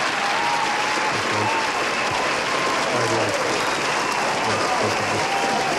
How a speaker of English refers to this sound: That's a big crowd you got there, mate. Yeah, I know. Well, a probably lot of applause. I've got. Is that sort of the applause you get when you walk into Joey's Footy Club these days?